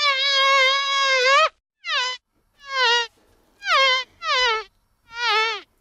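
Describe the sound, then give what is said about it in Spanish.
A loud, nasal buzzing drone like a fly, though not an actual fly, heard in a radio studio on Radio 3's Efecto Doppler: first one long sustained buzz, then five shorter bursts with slight pitch dips and swoops, heard alone with no talking. “No se nos ha colado una mosca en el estudio, aunque pareciera.”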